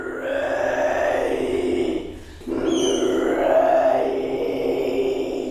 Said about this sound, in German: Ihre unheimlichen, knurrenden Kehlgeräusche verschlagen einem die Sprache.